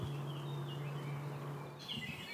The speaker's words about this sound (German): Das war Mönchsgrasmücke. Also es gibt einen großen Vogelreichtum hier, ja? Das hört man auch.